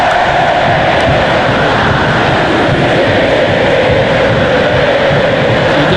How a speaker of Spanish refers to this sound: Quedó lindísimo este Estadio Monumental de River. Así suena este estadio. Juega Argentina contra la selección de Burkina Faso.